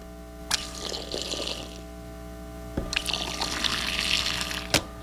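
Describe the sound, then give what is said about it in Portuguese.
Water is poured into a mate gourd to serve mate, in two short, hissing streams, each starting with a soft knock, the second longer and ending in a sharper click. No one speaks. “Vamos servir um mate para os ouvintes?”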